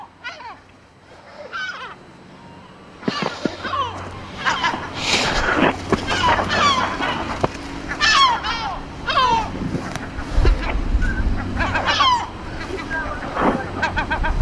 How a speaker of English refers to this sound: Wow, that was close. That was very close. Yeah, that one is going in for the kill. The seagulls constantly dive bombing.